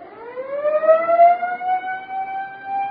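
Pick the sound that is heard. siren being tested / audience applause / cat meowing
siren being tested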